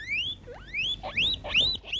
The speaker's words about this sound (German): Und als ich noch ein bisschen kleiner war, da hatten wir auch ein Haustier und da hatte ich so ein ganz kleines Meerschweinchen. Das hat immer solche Geräusche gemacht.